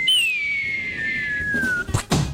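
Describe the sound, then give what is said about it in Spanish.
A low-budget cartoon falling-anvil sound effect: a long, steady whistle slides slowly downward in pitch for nearly two seconds, then cuts off into a couple of loud, heavy crashing thuds. “Y el man, sonido de caída yunque, de caricatura.”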